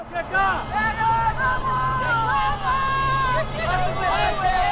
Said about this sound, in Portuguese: A vitória do Grêmio hoje, eu acredito muito o buzinaço, nisso. Olha o buzinaço, CCD. Coisa boa. Vamos ouvir o buzinaço.